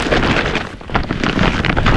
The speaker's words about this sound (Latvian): Dzirdi? Tā skan IKEA iepirkuma maisa ar izpirkšanas precēm.